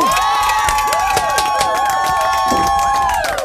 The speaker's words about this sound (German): Herzlichen Glückwunsch! Applaus, Applaus, mein Lieber!